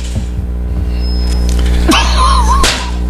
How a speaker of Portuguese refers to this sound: Pra quem tava ouvindo, barulhos fortes de chicote.